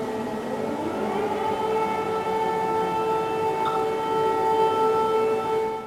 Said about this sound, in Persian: آژیر خطر در قلب سئول. اینجا هتلی در منطقه سونگ پاگو هست، جایی که نیروهای نظامی، پلیس، آتشنشانی و کارمندان خدمات اضطراری سناریوی یک حمله همه جانبه شامل بمب‌گذاری، حملات کیمیاوی و تهدیدهای پهپادی را تمرین میکنند.